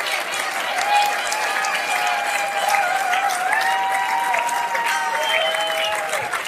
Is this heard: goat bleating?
no